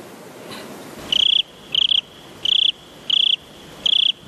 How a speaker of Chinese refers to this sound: 就是那一只蟋蟀，钢翅想拍着金风，一跳跳过了海峡，在台北上空悄悄降落，落在你的院子里，夜夜唱歌。